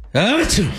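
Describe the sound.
A single loud vocal imitation of a sneeze, made as a vampire's sneeze in a spoken story: a voiced, rising wind-up that breaks into a sharp, hissing burst, then trails off quickly.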